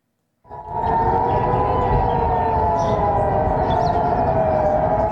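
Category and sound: signal or alarm, air raid warning siren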